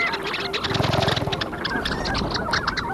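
A flock of ducks calls in a busy, overlapping chorus of nasal, yodeling notes, fairly close and steady throughout, with a brief burst of lower honking near the start.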